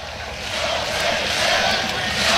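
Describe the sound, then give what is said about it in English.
A large stadium crowd at a Nebraska baseball game cheers and roars continuously at 1:15 in the morning during a 3-2 count, a dense, loud wash of voices that holds steady and swells slightly toward the end, with no single voice standing out. “This crowd has been fantastic.”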